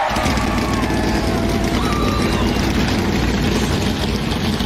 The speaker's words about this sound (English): Those V8s sound good, don't they? They do. They still, NASCARs still sound like race cars.